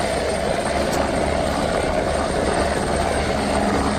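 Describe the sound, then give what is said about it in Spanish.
A security forces helicopter used in a rescue operation in Zimbabwe drones loudly and steadily for the whole stretch, its rotor giving a low, continuous throbbing beneath a broad rushing engine roar, with no voices. “pudimos ver cómo efectivos de emergencias y un helicóptero de las fuerzas de seguridad conseguían rescatar a un buen número de personas”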